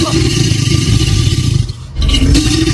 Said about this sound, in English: Find them near water. They've got long scaly tails, big strong jaws with sharp teeth. Well done if you've worked out our creature calling in is an alligator.